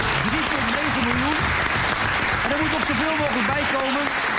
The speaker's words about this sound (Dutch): 3,9 miljoen. 3,9 miljoen, dames en heren. Dus applaus waard.